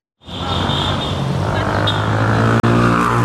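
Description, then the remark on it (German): A busy street in Cairo, Egypt, fills the air with a steady, loud roar of engines and traffic, continuous, with no voices standing out. “Der Anblick der meterhohen Statue genügt, um das Kairoer Straßenchaos für einen Moment zu vergessen.”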